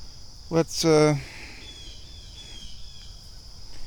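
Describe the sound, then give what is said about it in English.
Two brief, harsh, squawking bird calls ring out over there, one right after the other, over a steady high insect drone in quiet, misty woodland. “More crazy birds going wacky over there, doing something.”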